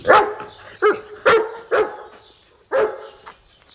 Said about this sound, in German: Da bellte es plötzlich draußen.